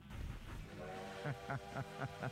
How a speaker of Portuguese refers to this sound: O trem bala tá aqui, ó.